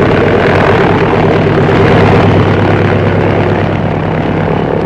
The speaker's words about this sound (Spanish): Rosco controló el timón y la pequeña avioneta levantó el vuelo rápidamente. Ganaban altura y pronto la ciudad de Tuxtla Gutiérrez fue perdiéndose en la lejanía.